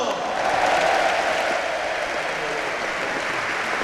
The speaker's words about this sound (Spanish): Fuerte aplauso ahora para otro que veremos si nos hace cambiar el idioma. ¡Matt Costello!